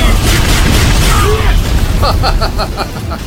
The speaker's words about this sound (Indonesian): Bola api!